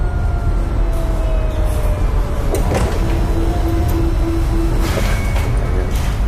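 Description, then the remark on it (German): A large high-tech scanner, nearly 2 meters tall, in a dim fifth-floor room in a city of millions, gives off a steady, dense electronic hum with faint whining tones, broken by a couple of brief mechanical clicks or rattles, as a news magazine is scanned on its glass surface. “Das Geräusch stammt von einem Scanner.”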